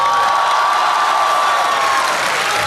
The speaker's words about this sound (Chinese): 不用不用，掌声不用。 您这要掌声的嫌疑。